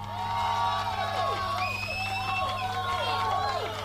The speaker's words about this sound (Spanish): ¡Ay, qué ovación!